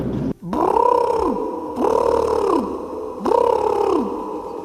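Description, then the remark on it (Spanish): Three long, loud peacock calls from the animal of Monforte, in a row, each a wailing, arching cry that rises and then falls, separated by short pauses, with no talking over them. “El animal parece un pavo real. ¿Puede ser un pavo? ¿Y el sonido podría ser un pavo real?”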